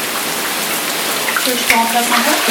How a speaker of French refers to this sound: Et maintenant, c'est la pluie, c'est l'orage.